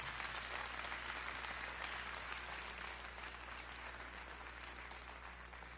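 A church audience claps their hands to the Lord in a sustained, dense wash of applause. The clapping stays loud and steady throughout, with no one speaking over it.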